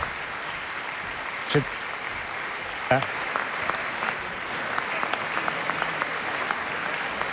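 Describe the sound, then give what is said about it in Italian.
Sustained applause from a large concert audience on its feet for a touring orchestra, a dense steady wash of clapping with a couple of louder bursts near the start. “Un applauso ancora molto sentito, però.”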